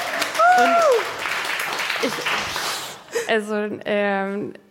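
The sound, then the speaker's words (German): A burst of audience applause for a guest scientist, a dense crackle of clapping with a short whoop early on, lasts about three seconds before fading as a voice starts speaking. “Und ein Applaus für unsere Wissenschaftlerin!”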